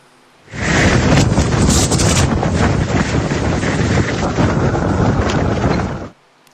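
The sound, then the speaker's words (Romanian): Fierce sandstorm wind in western Iraq, blowing at 90 km per hour, roars and buffets the microphone in a loud, steady rush for several seconds, cutting in and out abruptly, with no voices. “Imagini uluitoare vin din Irak, acolo unde o furtună de nisip a lovit puternic o regiune din vestul țării.”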